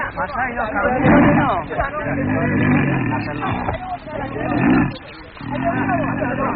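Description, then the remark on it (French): A young male lion caught in a trap roars and snarls angrily in several heavy, rasping bursts, loud, with human voices talking over it on a muffled, narrow-sounding recording. “calme le petit lion, car il n'est pas bon de tuer un lion en colère.”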